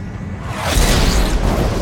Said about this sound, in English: Vicious lightning strikes some distance away. It strikes the same tree again and again.